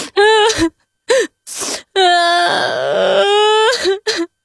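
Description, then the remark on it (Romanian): A voice imitates a snail's exaggerated crying: several short sobbing bursts and breathy sniffs, then a long wavering wail, ending with two more quick sobs, loud. “Când ajunse acasă, se trânti pe o frunză și începu să plângă de ți se rupea sufletul ascultându-l.”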